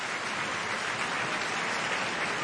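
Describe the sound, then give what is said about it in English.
A large opera audience at the Met applauds the principal singers' bows in a steady, dense wash of clapping that holds at an even, fairly loud level throughout, with no voices over it. “All the principals bowing to this very enthusiastic crowd.”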